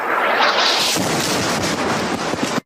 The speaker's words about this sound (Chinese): 画面被爆炸的火光填满，随后直播信号中断。